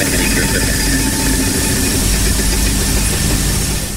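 A prize wheel in a Hungarian-language quiz game is spun by a contestant, giving a dense, fast rattling whir that holds loud and even throughout, with no voices over it; the spin lands on 5000 points.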